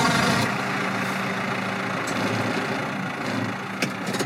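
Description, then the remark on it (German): A tractor engine runs steadily, a loud low rumble with a constant mechanical drone and a few brief clanks near the end, with no voices. “Seit wann fährst du Traktor?”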